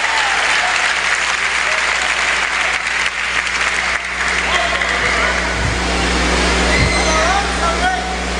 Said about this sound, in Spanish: Denle fuerte el aplauso a Dios.